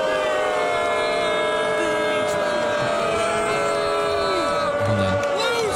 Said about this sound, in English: Well, it was in Philly, and we had two Phillies players participating. Anybody who wasn't wearing a Phillies jersey at the plate was getting ruthlessly booed.